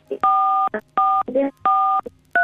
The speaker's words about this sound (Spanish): Cuidado, Susana, que estás tocando las teclas del teléfono.